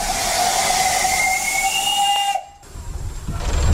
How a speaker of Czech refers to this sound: Poprvé v životě jedu parní lokomotivou hned vedle strojvedoucího, je to všudy bylka, dopředu koukám malým okénkem. Jsme všudy bylce, kdy ta mašina jezdila, kdy byla vyrobena? Vyrobena byla v roce 1925.